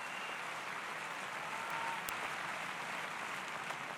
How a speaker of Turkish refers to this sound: Make some noise for Sasha. Ve Sasha için alkışlayalım.